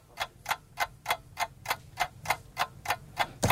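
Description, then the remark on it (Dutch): A quiz timer clock ticks steadily, about twelve crisp, evenly spaced ticks at a brisk pace, fairly loud, with no voices over it. “Ja, ik ga de klok aanzetten.”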